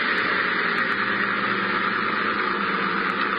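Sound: motorboat engine approaching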